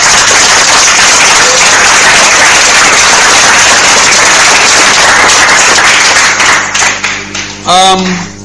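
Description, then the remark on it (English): A room full of people claps in a dense, steady burst of applause for a correct answer in a maths quiz, fading out near the end, followed by a short voiced sound. “A round of applause.”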